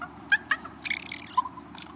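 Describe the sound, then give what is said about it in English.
Soft raven comfort sounds: two short, gentle croaks followed by a longer, quiet gurgling warble that trails off, with no talking. “Raven nestlings sometimes make this same sound after they've been fed.”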